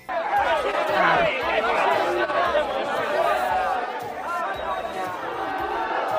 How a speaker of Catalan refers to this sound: Podem escoltar el tall dels crits contra Vox?